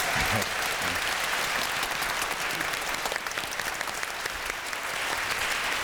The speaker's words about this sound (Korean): 여러분들 즐거우셨다면 박수 한 번 더 보내주시길 바랍니다.